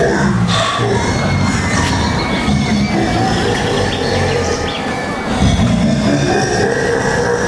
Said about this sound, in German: Endlich fuhr wieder ein Zug ein. Boah, der sieht aber ganz schön gruselig aus. Ja, nicht? Der Totenkopf da vorne am Zug, der hat schon was.